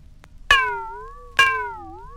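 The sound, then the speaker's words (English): A glass bowl is struck twice, about a second apart. Each sharp hit rings into a bright, sustained tone that slowly fades and wavers slightly in pitch. “Number 13, a glass bowl.”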